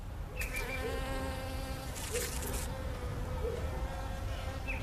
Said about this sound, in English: And then in my backyard, I have another hive as well. This is really where I sit and watch my bees, because a big part of it is also watching the bees, seeing what they do.